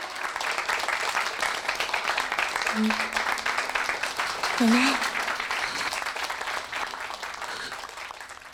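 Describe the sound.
Steady, dense applause from a wedding audience encouraging the elderly grandmother, a continuous patter of many hands at an even level, with a voice calling out briefly over it.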